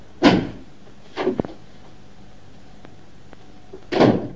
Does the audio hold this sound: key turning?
yes